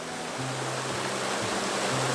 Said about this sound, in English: Right next to it, there is a refreshing valley. It is Sejae Valley, which stretches along the Munggyeong Sejae Pass. The vibrant sound of water welcomes the traveler.